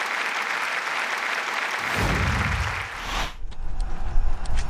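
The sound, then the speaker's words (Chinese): An audience applauds steadily to welcome a speaker to the lectern, a dense wash of clapping that carries on for several seconds before fading, replaced by low rumbling and stage noise. “掌声欢迎。”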